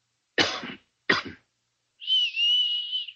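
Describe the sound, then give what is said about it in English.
Two sharp coughs in quick succession from one man, answered after a brief pause by a steady, wavering whistle lasting about a second from another, as an agreed recognition signal. Clear, with no talking. “Look, I'll cough twice, like this. And you whistle back.”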